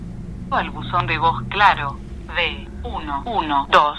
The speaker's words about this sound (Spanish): Al buzón de voz, claro